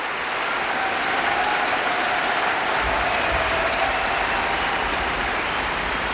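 Thunderous applause from a large sold-out crowd at the Helmut-List-Halle in Graz, for eight singers from Great Britain: a dense, steady wash of clapping that stays loud and even throughout, with no voices standing out.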